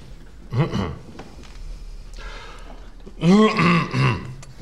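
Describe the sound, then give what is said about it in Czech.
A man clears his throat with a couple of rough, gravelly coughing bursts, fairly loud, separated by a brief pause with faint background noise. “Promiňte, nemůžu vypnout kašlátko, nejsem hlasatelně.”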